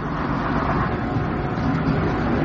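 A steady, low engine rumble fills the inside of a moving bus, a continuous droning hum with road noise and no voices, holding even and fairly loud throughout.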